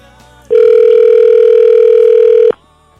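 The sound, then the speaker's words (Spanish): A telephone ringback tone from an outgoing call: one steady, loud electronic ring lasting about two seconds, heard clearly on its own with a quiet pause before and after. “Ahí está, sonando está el teléfono.”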